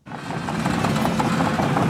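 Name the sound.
excavators rolling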